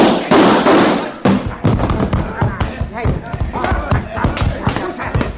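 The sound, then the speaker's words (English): A rapid volley of loud, sharp gunshots cracks out in an uneven burst, the reports overlapping and echoing over several seconds, with voices mixed into the commotion. “Fire. Now, drop those guns.”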